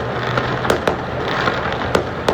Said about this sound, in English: Some of the fireworks in Vancouver there. Listen to that.